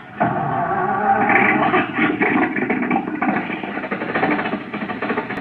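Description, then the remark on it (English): An old car motor in a garage sputters to life with a sudden loud onset, then keeps running as a rough, steady, rattling rumble with a slightly uneven pulse. “The motor's going.”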